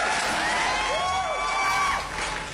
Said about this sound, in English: And then, round of applause,